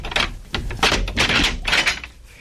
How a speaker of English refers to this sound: Captain, have this door opened. I want His Highness to hear it. Even if all the guards were asleep, the sound of the door opening would awaken them.